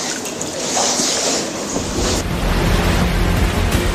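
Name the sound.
ocean waves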